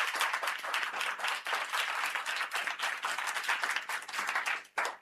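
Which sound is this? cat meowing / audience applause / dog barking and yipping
audience applause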